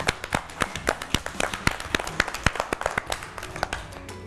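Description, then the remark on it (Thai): A small group of children clap for themselves after correctly completing a language-and-numbers jigsaw puzzle game, a quick, uneven flurry of sharp, overlapping claps that lasts a few seconds, with no talking over it. “เด็กๆนะคะเล่นเกมภาพตัดต่อภาษาและตัวเลขแสนสนุกได้ถูกต้องเลยค่ะเก่งมากค่ะปรบมือให้ตัวเองด้วยค่ะ”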